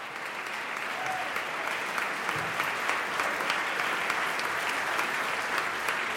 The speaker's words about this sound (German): Ein begeistertes Premierenpublikum. Applaus gibt es jetzt für die Mitglieder des Kammerchors der Universität Göttingen.